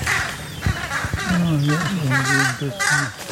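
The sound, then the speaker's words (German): Carrion crows calling in alarm, a rapid run of harsh, overlapping caws that rise and fall, loud, with a brief scuffling burst of wing flapping near the start. “Akustisch haben die Kollegen natürlich auch Alarm gemacht. Hören wir die Rabenkrähen.”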